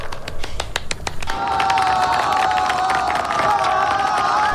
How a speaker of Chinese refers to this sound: 全场爆发出雷鸣般的掌声，为中国运动员荣国团齐声喝彩。